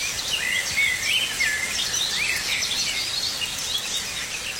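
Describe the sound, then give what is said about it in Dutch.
A blackcap, a blackbird and a garden warbler warble and whistle in overlapping phrases over a steady hiss of falling rain, heard from a bedroom window in Wichmond, with no voices present. “Maar ook de zwartkop, de merel en de tuinfluiter zingen.”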